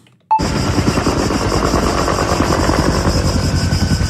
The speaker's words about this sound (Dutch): En weet ik veel over bosbranden. Dat klinkt blijkbaar zo.